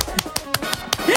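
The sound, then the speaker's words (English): On the Beat Breakfast radio show, a host does an absent co-host's clap: four sharp, bright hand claps in a slightly uneven rhythm over a steady low background, followed by a brief rising tonal swoop at the end. “I'm going to do her clap.”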